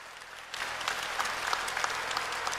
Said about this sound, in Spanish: Un aplauso fuerte al Rey de Reyes, Señor de Señores, el invitado especial.